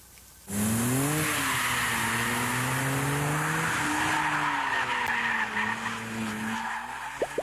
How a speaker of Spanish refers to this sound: Pues esta fue la prueba de manejo desde Tale of the Dragon con el Dodge Charger, el cual ya se encuentra en nuestro país. Nosotros tuvimos oportunidad de manejarlo antes que nadie, justamente en esta emblemática cola de dragón.